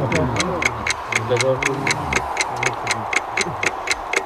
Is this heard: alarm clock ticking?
yes